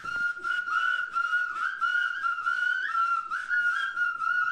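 Several people whistle together, each with a different-sounding whistle, in a sustained, wavering blend of tones that sound like a loose harmony, steady and fairly loud throughout with no talking.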